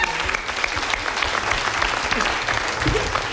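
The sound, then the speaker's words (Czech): Sustained applause from an audience for the musical backing, a dense steady patter of many hands clapping at fairly loud level throughout, with no pause or break. “No, ale prosím vás, ještě potlesk pro to podbarvení.”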